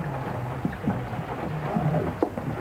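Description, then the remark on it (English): Steady rain pours down in a dense, continuous hiss, with scattered sharper drips and a low rumbling undertone throughout; no one speaks. “I really do think we ought to step away out of the rain.”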